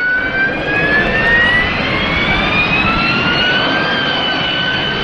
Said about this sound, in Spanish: El mecanismo solo se conoce en aplicaciones de flujo supersónico, como el despegue y el aterrizaje verticales con motores a reacción, como la turbina de un Harrier.